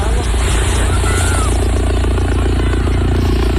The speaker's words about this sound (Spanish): treintena de migrantes magrebíes han llegado en las últimas horas a las playas de San Roque y la línea de la Concepción en Cádiz, bajo la mirada estupefacta de los bañistas, que han recogido así el movimiento de los helicópteros de la Guardia Civil.